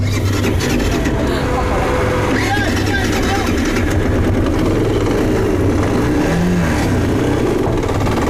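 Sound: three-wheeled motorcycle engine revving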